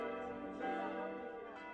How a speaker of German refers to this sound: Nach erfolgtem Umbau am Kirchturm sind die neuen Glocken am 24. September 2006 zum ersten Mal über dem Ort am Spiegelwald zu hören.